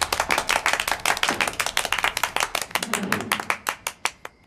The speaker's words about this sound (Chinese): 这掌声不那么热烈嘛，再欢迎一次。